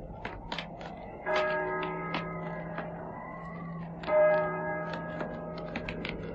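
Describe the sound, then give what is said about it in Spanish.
A church bell tolls slowly, two deep resonant strikes about three seconds apart, each ringing out and lingering, with scattered faint clicking taps in the background. “y el triste y monótono doblar de las campanas.”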